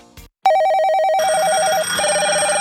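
A telephone rings with a rapid warbling trill, loud, continuing steadily after a brief click at the start, with no voices present.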